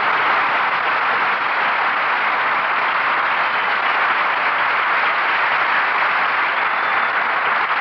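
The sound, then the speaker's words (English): Sustained applause from a large studio audience, a dense, steady roar of clapping that holds at full volume without pause for the whole stretch, with no voices over it. “That applause echoes from coast to coast.”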